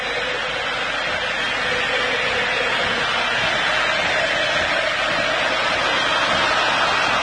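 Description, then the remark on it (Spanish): A football stadium crowd of Argentine fans roars steadily, a dense, unbroken wash of noise from a huge mass of fans that stays loud and even throughout, with no voice standing out. “Hay salida, escuchen el público argentino.”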